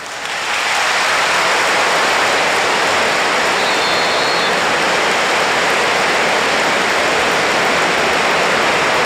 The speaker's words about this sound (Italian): Un applauso che ha sommerso anche il fischio del direttore di gara Zufferli di Udine